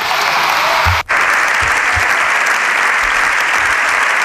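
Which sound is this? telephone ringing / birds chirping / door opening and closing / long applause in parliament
long applause in parliament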